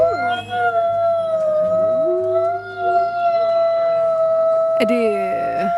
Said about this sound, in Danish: Er det ulve? Det er simpelthen ulve.